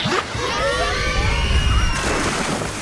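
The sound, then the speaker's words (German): A lively crowd at the Waldbad Templin outdoor pool in Potsdam on a sunny 25-degree summer day, with children's high shouts and squeals overlapping in a steady, busy din. Occasional splashes and thumps break through the chatter. “25 Grad, Sonne, da zieht's viele an den See oder ins Freibad.”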